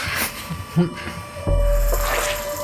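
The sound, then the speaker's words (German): A container of water is set down with a soft thud, followed by a brief slosh of liquid inside. Moderately loud, with faint background noise and murmuring around it. “Ich stelle das Wasser einfach hier hin.”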